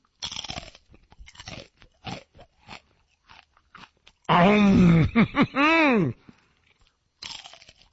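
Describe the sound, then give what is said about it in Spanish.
Crunchy Takis snack chips being bitten and chewed in a run of crisp, irregular crackling bites, interrupted by a loud, drawn-out groaning voice before one more burst of crunching. “Y canalizan toda esa energía en cada mordida, así.”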